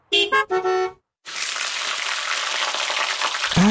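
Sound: steak sizzling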